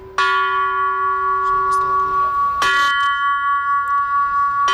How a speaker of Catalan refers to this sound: Així sonen els tres primers prototips de les campanes que va començar a dissenyar Gaudí per col·locar-les a la Sagrada Família. Se sentiran aquest vespre a la plaça Catalunya en el concert 84 campanes,